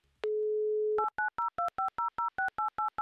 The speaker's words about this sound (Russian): Не любим мы такие звуки. Вот я не люблю такие звуки, потому что когда вот эти вот гудки, обрывается что-то